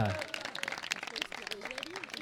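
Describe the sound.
An audience applauds in a steady, dense clatter of many hands for about two seconds, with a voice audible over the clapping.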